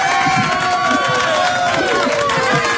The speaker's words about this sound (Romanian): Felicitări! Ai răspuns bine! Felicitări! Aplauze!